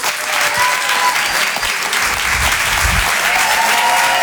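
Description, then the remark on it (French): Sustained audience applause for comedian Karim Duval at a Rire et Chanson evening in Paris, a dense, steady wash of many hands clapping at an even loudness throughout, with scattered whistles and a few faint voices mixed in. “On va l'applaudir très très fort lui aussi, s'il vous plaît.”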